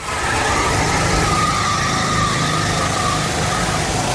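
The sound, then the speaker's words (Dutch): Go-kart engines whine loudly and continuously, a dense buzzing drone with a rising and falling pitch as several karts race past on the Silverstone circuit in a race of about 100 drivers, with no voices. “Ja, op het circuit van Silverstone nam hij het op tegen 100 mensen in een kart.”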